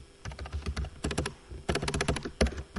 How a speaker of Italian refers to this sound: Porco Dio, tastiera di merda.